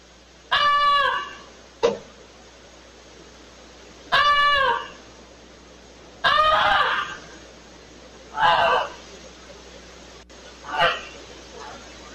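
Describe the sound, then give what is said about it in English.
A family's pet goose named Goosey honks five times, loud, harsh and nasal, with pauses of a second or two between calls, alerting the family that their barn was on fire, over a faint steady background hiss and no talking. “After several honks, the homeowner rushed outside”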